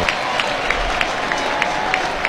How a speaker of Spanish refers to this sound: Bueno, va a acomodar Messi, vino de este lado, ¿no? A la Belgrano, por eso la ovación tan cerquita se escuchó.